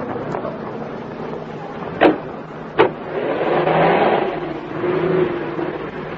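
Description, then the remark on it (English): Two sharp thumps, like car doors shutting, are followed by a car engine revving up and pulling away, its steady roar swelling and holding. No one speaks. “Okay, now move across the sidewalk into that automobile.”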